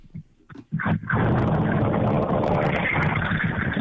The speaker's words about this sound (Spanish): Mi vida, si está en un carro, suba a la ventana que escuchamos solo el viento.